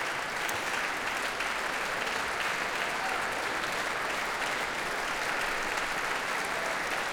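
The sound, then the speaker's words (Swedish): Sustained applause from a large concert audience for an orchestra and a violinist, with George Benjamin coming onto the stage and joining in; a dense steady patter of many hands clapping at once, even from start to finish without letting up. “Och nu kommer George Benjamin ut på scenen och ansluter sig till applåderna också till violinisten här.”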